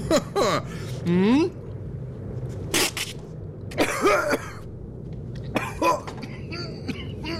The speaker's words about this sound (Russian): Бизнесмен попытался повторить, поперхнулся и долго кашлял.